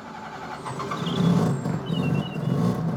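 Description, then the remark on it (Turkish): A Wrangler's car engine runs steadily, its low rumble swelling slightly in the middle and holding a constant throaty drone, with faint high whines drifting above it and no one speaking. “Motorun sesi harika değil mi?”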